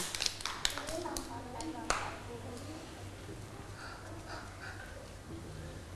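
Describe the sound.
A short, uneven burst of children clapping, with scattered sharp claps in the first couple of seconds before fading, followed by voices talking over a low background hum.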